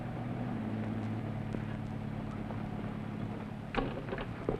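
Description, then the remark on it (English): A roadster's engine rumbles in a steady, low droning hum at moderate loudness as the car drives away, holding fairly even throughout, with a couple of brief clicks and rattles near the end. “driving the roadster.”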